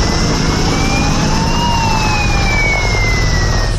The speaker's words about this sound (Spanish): Vuelve a ser el sonido de los helicópteros para coger agua, el de las alarmas, las sirenas que irrumpe un día más en la tranquilidad de pueblos de 5 provincias de Castilla y León, comunidad que sigue en situación operativa 2 por incendios